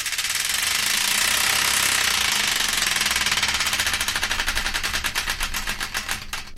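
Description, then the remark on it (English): The Wheel of Destiny, a prize wheel on the Random Number One Show on Hull's 107 FM, spins to pick a song, with a loud, rapid rattle of clicks that gradually slow and spread apart as it winds down, with no voices over it. “And I'd like to play another song, but before we do, we've got to spin the Wheel of Destiny to find out which one.”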